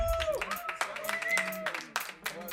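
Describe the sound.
A short burst of audience applause, with uneven, scattered claps of moderate loudness and some voices or whoops mixed in among them.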